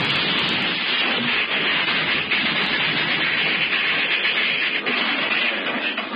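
A train engine running on rails makes a steady, dense roar that stays loud for the whole stretch, with a constant rushing hiss and no voices.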